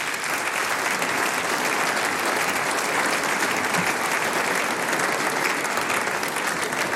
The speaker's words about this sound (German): Herzlich willkommen, Landtagsabgeordneter Stefan Resch. Das ist dein Applaus. Komm auf zu mir.